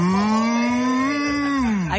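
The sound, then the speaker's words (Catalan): A person imitates a cow mooing with one long, steady moo that lasts about two seconds and drops in pitch as it trails off at the end. “l'únic animal a qui en Bone té certa por són, atenció, …, que ha arribat el teu moment, les vaques”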